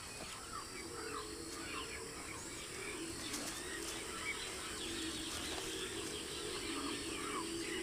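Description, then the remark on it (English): A young caracara picking ticks off an animal gives scattered, thin chirping calls against a steady outdoor background hum, fairly soft and continuing throughout, with a few sharper clicks in the middle. “The bird doesn't require much payment. It's after ticks, not tips.”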